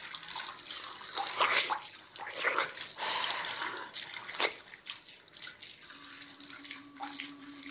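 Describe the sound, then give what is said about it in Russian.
Water splashes and sloshes in uneven bursts as a floor is washed, with one sharp splash midway, then quieter dribbling and a faint steady hum toward the end. No one speaks. “Сергей, давай пол мыть.”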